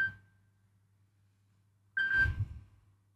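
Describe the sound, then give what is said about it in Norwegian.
A telephone rings in two bursts during a bingo game, as a player calls in: a short electronic trill at the start fading out, then a louder, buzzier ring about two seconds later, with no one talking. “Det ringer, hör vem kan det bära?”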